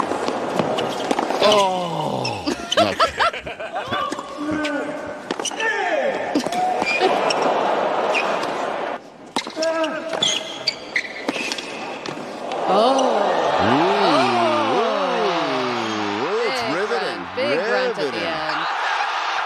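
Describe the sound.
A tennis match with sharp ball strikes and a player's loud vocal grunts, followed by a stretch of rising and falling voiced cries over a steady crowd-like wash.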